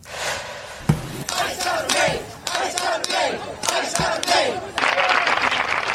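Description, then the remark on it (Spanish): A crowd at a vigil in Biddeford, Maine, chants together in loud, rhythmic bursts, residents demanding justice for a Colombian immigrant killed by shots from an ICE agent. Many voices rise and fall in repeated phrases, with a sustained roar of voices swelling near the end. “Son los residentes de Biddeford en Maine, se unieron a esta vigilia, piden justicia por el inmigrante colombiano que murió por los disparos de un agente de ICE.”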